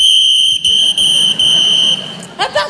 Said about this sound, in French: Je tiens à vous signaler que si j'ai ce petit sifflet, c'est pour prévenir en cas de pépin. Hein. Sachez que je n'hésiterai pas à m'en servir.